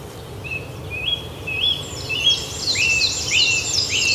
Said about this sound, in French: Donc, avec les pouillots, qu'on a bien entendu et vu.